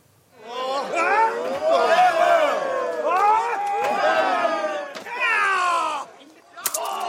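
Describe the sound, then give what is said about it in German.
A wrestling crowd at a street-fight wrestling event in Bremen, Germany, with spectators right in the middle of the action, cheers and shouts in a dense, continuous roar of overlapping voices with rising and falling yells, then dips briefly before a final burst of noise. “Die Zuschauer mittendrin.”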